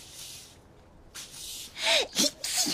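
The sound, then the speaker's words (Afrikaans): Breathy inhales build up before a couple of sharp sneezes burst out in quick succession, loud and forceful, with no talking around them, caused by dust while sweeping out a very dusty house. “Die stof laat … nies en sy sê, ek het sowaar nog nooit so iets gesien nie.”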